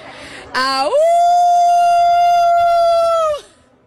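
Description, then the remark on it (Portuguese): A woman lets out a single loud, sustained wolf-like howl, rising sharply in pitch and then holding steady for about three seconds before cutting off. “E ganhei, uivei.”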